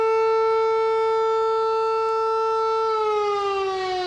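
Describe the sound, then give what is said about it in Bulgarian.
A loud, sustained memorial siren wail at exactly 12 o'clock on Okolchitsa peak in Bulgaria, honouring Hristo Botev, in bad weather, holds a steady tone, then slowly dips lower toward the end, droning on continuously with no voices present. “Точно в 12 върх Околчица притихна и българите склониха глава под воя на сирените, за да засвидетелстват почитта си към великия Христо Ботев и безсмъртното му дело.”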